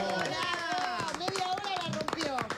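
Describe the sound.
Steady applause from a crowd, many hands clapping fast and dense for a couple of seconds, with excited voices calling out over the clapping.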